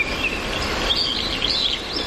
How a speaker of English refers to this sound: If I just am quiet for one moment, you'll just hear it all, and it's really amazing to take in. Let's pause for some bird song, shall we?